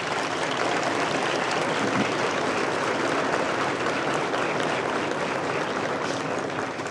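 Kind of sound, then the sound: crowd, round of applause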